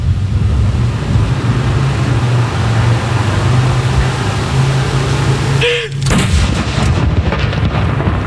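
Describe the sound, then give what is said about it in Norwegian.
A second salute cannon shot at Akershus Fortress booms out partway through, a sharp blast with a brief rolling echo, cutting through a steady low outdoor rumble and faint background murmur. “Andre kanon!”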